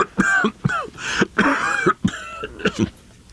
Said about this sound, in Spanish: Es esta maldita tos la que me va a matar. No se me quita.